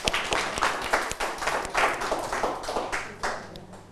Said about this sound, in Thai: ถูกต้องนะครับเก่งมากปรบมือเพื่อนด้วยนะครับ